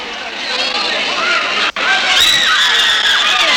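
A girl screams loudly and continuously over a noisy crowd hubbub during police arrests of students, refusing to be taken; her high, wavering cries cut off for an instant midway before rising again, shrill and strained.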